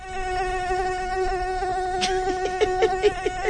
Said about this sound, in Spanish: Claro que sí, escuchemos 2 minutos de ruido de mosquito.